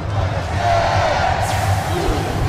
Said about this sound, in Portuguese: Massa tá gritando bastante. Você ouviu o sinal aí junto com a massa.